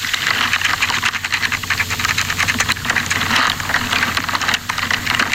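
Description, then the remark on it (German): A dense, crackling underground soundscape from dry meadow soil: constant fine scratching, clicking and rustling over a low steady hum, with sharper ticks scattered throughout and no voices. “unter dem Fußballplatz ist es viel leiseliger, als es auf der Kuhweide ist oder am lautesten ist es in der Magerwiese. Dort tönt es zum Beispiel so.”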